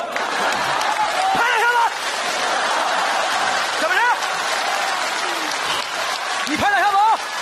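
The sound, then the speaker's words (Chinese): A crowd applauds steadily for several seconds, a dense, loud clatter of clapping with a few voices calling out and whooping over it. “听懂掌声。”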